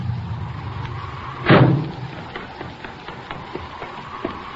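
A car engine idles low, then a single loud door slam bangs out, followed by a few faint clicks and shuffles as things settle into quiet.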